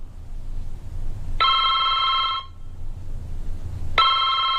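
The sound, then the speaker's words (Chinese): A telephone rings in two bursts, a bright, trilling tone lasting about a second, then starting again after a pause, clear over a low, steady background rumble. “哦，张先生电话，我去一下。”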